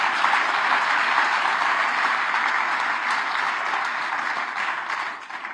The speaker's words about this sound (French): eh ben on peut applaudir les auditeurs Radio Espérance